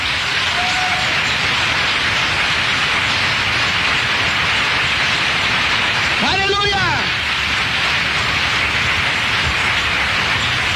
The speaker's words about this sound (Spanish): ¡Oh, un fuerte aplauso a Dios!